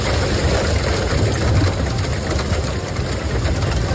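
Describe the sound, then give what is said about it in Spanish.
A dense, steady roar of heavy rain during an afternoon storm in Sant Pau de Segúries, in the Ripollès, Catalonia, with a crackling patter of hail and a deep rumbling wind underneath, holding constant throughout with no voices. “Así suena esta tarde San Pau de Segúries, en el Ripollès.”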